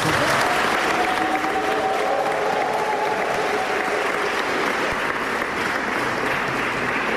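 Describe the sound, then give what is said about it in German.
A crowd at the Magnilonga gives its first applause, for the event's initiator, clapping steadily and loudly for the full seven seconds, a dense wash of overlapping hand claps with no break and no voices standing out. “Darum gut, dass dieser erste Applaus jetzt schon einmal auf die Bühne spült.”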